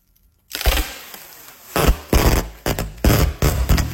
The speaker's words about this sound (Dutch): Het afrollen van verpakkingstape. Jeetje. Nou, als je had gezegd het afsteken van vuurwerk, had ik het ook geloofd. Moet je horen, joh, dit. Dat is dus wat er gebeurt als je iets opneemt, hè? Helemaal met de telefoon heel dichtbij.